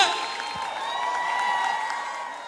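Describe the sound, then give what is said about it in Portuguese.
A crowd at a show in Lisbon applauds and cheers a singer steadily, dense clapping blending with shouts and whoops at a fairly loud, even level throughout, with a bright sustained tone running underneath. “Os aplausos de vocês pra essa voz potente!”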